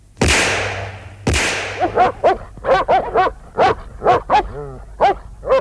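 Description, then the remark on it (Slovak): Two loud, sharp gunshot cracks ring out as a stray dog is shot at, then the dog yelps over and over in quick, high-pitched, loud bursts, with a wavering whine near the end. “Je to túlavý pes, strieľaj!”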